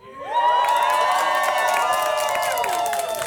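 A concert crowd at the Rap Scena Czwórki concert erupts into loud, sustained cheering and screaming as the next artist is introduced, many high voices blending into a steady roar that swells quickly and holds for a few seconds with scattered whoops.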